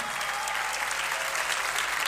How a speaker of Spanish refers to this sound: señoras y señores, fuerte el aplauso.